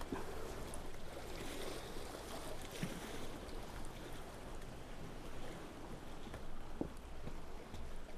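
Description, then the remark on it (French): Gentle water laps and sloshes steadily, like small waves against a shore or hull, a continuous soft wash with occasional splashes and no voices. “Un peu des vagues et remonte à cette falaise grisâtre”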